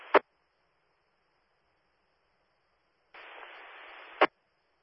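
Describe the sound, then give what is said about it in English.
Radio static crackles in two bursts on a railroad radio call with Tennessee Dispatch: a brief hiss cut by a sharp click, then quiet, then about a second of steady transmission noise ending in a loud squelch click. No voices. “Okay, coming in a little static.”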